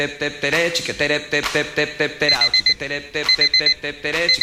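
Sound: alarm clock ringing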